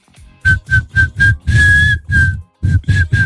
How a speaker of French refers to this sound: Je suis un mauvais siffleur moi. Vas-y. Bah c'est bien. Mais j'arrive pas à faire, je suis incapable de faire un air avec mes sifflements.